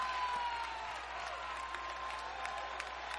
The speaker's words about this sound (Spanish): Si lo cree, dale un fortísimo aplauso al Señor.